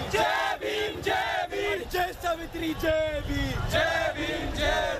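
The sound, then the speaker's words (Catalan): Thousands of young protesters shout in the streets of New Delhi, India, demanding an end to corruption in the education system after medical school entrance exams were leaked; many overlapping voices raised in loud, strained cries that surge and fall in a steady, chant-like rhythm with no pauses. “I aquests crits de protesta ens arriben de l'Índia.”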